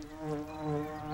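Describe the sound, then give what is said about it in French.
Bees buzzing among colourful meadow flowers, landing on them to gather nectar, in a steady, continuous drone with a rich, harmonic hum that swells slightly and holds for about a second, fairly quiet and heard on its own without any talking. “Est-ce que tu entends les abeilles bourdonner?”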